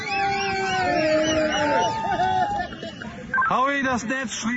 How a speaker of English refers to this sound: Celebratory voices at that point.